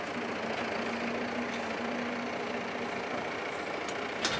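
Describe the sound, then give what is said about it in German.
A heavy diesel tractor engine runs steadily on a wetland pasture while heavy 400-kilogram grass bales are collected, a low continuous rumble with a faint droning hum, holding constant throughout with a brief click near the end. “Wir fahren mit zwei Treckern, weil er halt nicht stehen bleiben kann ewig.”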